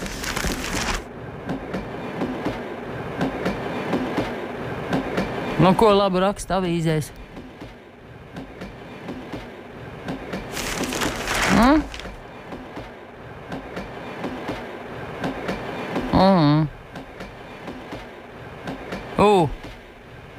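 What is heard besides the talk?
train riding on rails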